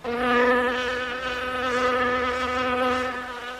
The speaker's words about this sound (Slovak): Neskôr mi občas cez hlavu preletelo čosi podobné tomu, čo vy nazývate mucha.